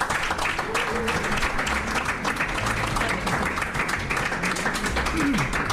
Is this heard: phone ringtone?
no